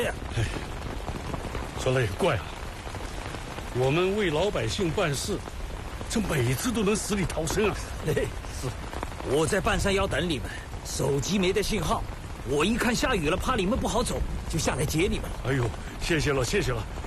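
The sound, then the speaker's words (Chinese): Steady rain hisses throughout, a constant wash of falling drops beneath several people talking back and forth, never letting up, on a mountainside road beside a court vehicle. “我在半山腰等你们，手机没得信号，我一看下雨了，怕你们不好走，就下来接你们了。”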